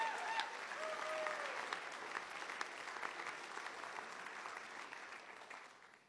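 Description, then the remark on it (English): An audience claps steadily for a musical duo, a dense wash of hand claps that holds fairly strong before slowly thinning and fading out, with a brief whistle near the start. “Give it up one more time”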